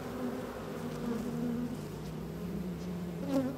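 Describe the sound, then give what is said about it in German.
A dense, steady drone of many honeybees buzzing around an opened hive of a split colony, with a little smoke applied on top, their overlapping hum rising and falling slightly in pitch with no voices present. “Das ist der Ableger und die sind irgendwie ein bisschen wilder als die anderen.”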